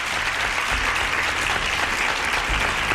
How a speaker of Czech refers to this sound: Já vám tleskám.